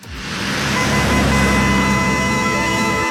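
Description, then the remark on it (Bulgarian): Road traffic roar in a jingle introducing a radio traffic report swells in within a fraction of a second and holds steady and loud for about three seconds, blended with sustained musical tones. “Трафик.”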